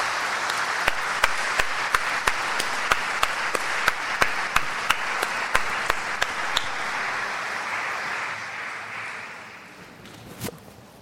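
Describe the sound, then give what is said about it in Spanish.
An audience in a church applauds in veneration of the Virgen del Pino in a dense, steady wash of clapping, punctuated by sharp, evenly spaced claps in rhythm for several seconds, before the applause thins and fades out with one last clap. “Y la veneramos con ese aplauso.”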